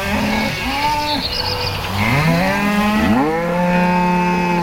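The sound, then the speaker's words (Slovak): Several cows moo in overlapping, drawn-out calls, loud, with rising and falling pitch. No one is speaking. “Na niektorých farmách v Amerike si môžu rezervovať ľudia celú hodinu hladkania, česania, túlenia sa a oddychu pri kravách.”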